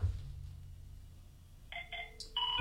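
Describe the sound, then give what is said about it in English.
A telephone rings with a few short bursts of electronic, warbling tones near the end, fairly loud, after a quiet stretch of low rumble. No one speaks. “I knew somebody was going to do that. They were going to call on the phone.”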